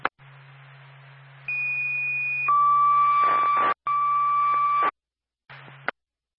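Fire department dispatch paging tones over radio static alerting the Franconia Fire Department to fire alarm activations: a high steady tone for about a second, then a longer lower tone, clear and loud, with a short dropout and a squelch burst at the end.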